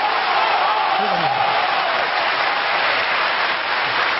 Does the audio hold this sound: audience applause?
yes